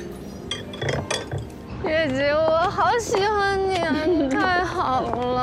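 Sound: glasses clinking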